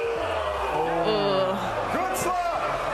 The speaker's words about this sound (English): It's a slap fighting promotion where two competitors take turns delivering open-handed slaps to each other's face, and the receiver needs to remain stationary and they cannot dodge it.